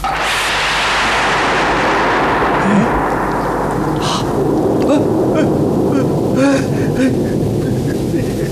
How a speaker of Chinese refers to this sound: 怎么回事？晴天打雷！